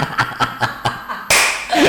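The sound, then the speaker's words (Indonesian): A group claps in a quick, steady rhythm, about six crisp beats, as part of the 'tepuk sakinah mawaddah warahmah' clapping chant, then the sound breaks into a sudden, louder wash of crowd noise. “Nah itu sudah bisa tepuk sakinah mawaddah warahmah Pak.”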